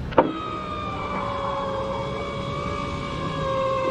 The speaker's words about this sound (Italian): Ma in quel momento gli si affianca una macchina nera coi finestrini neri.